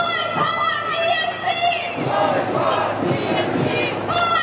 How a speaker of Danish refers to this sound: Israel og boykot Eurovisionen, råbte demonstranterne.